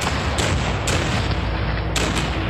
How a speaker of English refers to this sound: This is known as the famous Pickett's Charge. However, as his brave soldiers are forced to march across a mile of open field, Federal cannon and muskets take their toll.